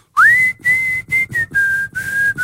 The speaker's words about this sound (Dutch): Ja, als ik fluit, mijn broer, die wordt dan helemaal gek. Die gaat dan, au op! Ja, is dat, ja, die vindt dat ik echt heel lelijk fluit.